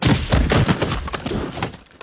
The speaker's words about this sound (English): Hear those pads crunching.